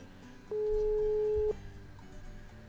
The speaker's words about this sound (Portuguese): Telefone tocando, a 20 atendendo